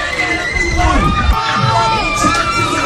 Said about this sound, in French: Au coup de sifflet final, ces cris de joie ont résonné bien au-delà des rues de Yaoundé.